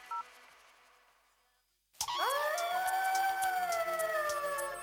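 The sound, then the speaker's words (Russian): After two seconds of faint hiss, several wolves break into a loud chorus of howls, their long voices sliding upward and then holding steady in overlapping tones, in a Radio Rossii promo for the animal programme with Ivan Zatevakhin. “Волки в программе о животных с Иваном Затевахиным.”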